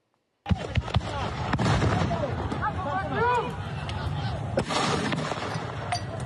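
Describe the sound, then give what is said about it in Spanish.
Sharp cracks of gunfire ring out at irregular intervals during clashes between security forces and protesters at a blockade in San Julián, over a noisy, chaotic crowd, with several voices shouting throughout. “terminó con al menos 6 uniformados heridos, 4 de ellos por disparos tras enfrentamientos con los manifestantes.”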